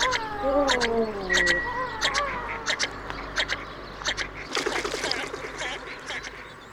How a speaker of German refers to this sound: Vogel der Woche.